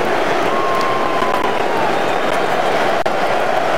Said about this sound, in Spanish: Así despide Miami a Jude Bellingham. Esta ovación.